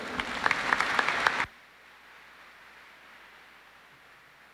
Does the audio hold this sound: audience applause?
yes